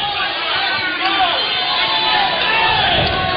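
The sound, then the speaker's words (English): A baseball crowd cheering in a steady, sustained roar after a pitch misses outside for ball three in the third inning, many overlapping voices blending into a loud wash of shouts and murmurs that holds level without a break. “Yeah, the crowd wants that.”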